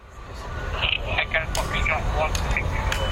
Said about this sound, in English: On an industrial estate, a couple of miles from the CBS arena, the police are launching a small drone into the air to keep an eye on things from above.